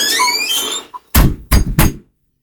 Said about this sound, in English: And I heard a door squeak, so I think he's coming.